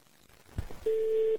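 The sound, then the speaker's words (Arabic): A steady, pure telephone line tone sounds loud for about half a second as an incoming phone call comes through, after a soft low thump and faint background hiss, then cuts off abruptly. No one speaks. “معانا تليفون.”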